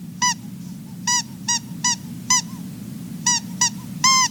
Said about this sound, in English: Oh, and I brought home a special gift just for you. Look, it's a squeaky mouse. Go ahead and play with it.